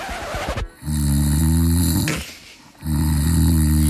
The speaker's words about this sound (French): Oui, votre conjoint dort. Et oui, votre conjoint ronfle.